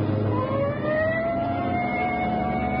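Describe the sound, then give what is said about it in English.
A police car siren, switched on as the car responds to a call at St. John's Place, wails upward in a rising, sustained tone, loud, over a steady rumble of engine and road noise. “Hit the siren.”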